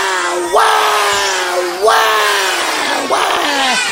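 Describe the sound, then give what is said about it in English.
A person imitates a baby's loud crying: three long, sustained wails in a row, each swooping up sharply then holding a strained, steady pitch before dipping, with no pauses between. “Baby didn't like that at all. It went, "Wow!”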